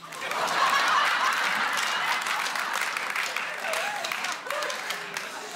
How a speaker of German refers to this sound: Und dann gibt es ja aber auch Leute ab 60. Sind wir welche? Mal klatschen, wenn es noch geht.